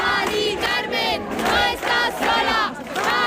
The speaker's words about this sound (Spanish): arropada también por los gritos de cientos de ciudadanos en la calle.